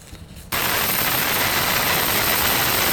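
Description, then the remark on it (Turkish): After a brief quiet moment, the loud, steady roar of a military helicopter hovering over the deck of an oil tanker in the Indian Ocean, as US soldiers are lowered onto the deck, kicks in abruptly and holds: a dense rushing wash of rotor and engine noise with no voices. “Askerler helikopterde güverteye indirildi.”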